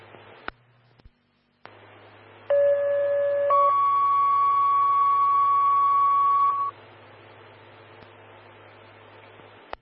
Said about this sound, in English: Oak Creek Fire, standby for tones on heart problems.